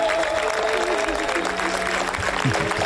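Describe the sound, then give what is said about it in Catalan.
A large audience applauds steadily after a film screening at the Critics' Week of the Cannes Film Festival, a dense, continuous wash of clapping that holds at an even level throughout, with faint crowd voices mixed in. “I aquesta ha estat la reacció del públic quan s'ha acabat la projecció.”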